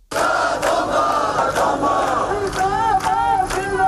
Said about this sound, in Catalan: En paral·lel, dos centenars de manifestants protestaven davant el consolat de Mà al crit de "La Feixina sí se tomba". Sonava així.